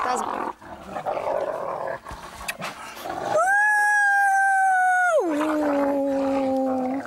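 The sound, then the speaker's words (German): Wolves growl and snarl roughly, then one breaks into a loud, sustained whining howl that holds steady before sliding down in pitch. “Sie versteht auch, wenn die mal ganz finster knurren.”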